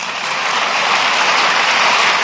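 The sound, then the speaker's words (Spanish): A crowd applauds loudly and steadily, a dense wash of many hands clapping at once that holds an even level for the whole couple of seconds, with no voices on top. “Y le dieron a Jesús un aplauso enorme.”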